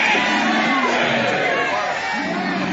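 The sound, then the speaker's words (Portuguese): An audience shouts together in a loud, sustained roar of many overlapping voices, with a few raised voices rising above the dense mass throughout, crying out for Jesus to burn a demon while demons are being cast out. “Vocês não gritam para Jesus queimar ele?”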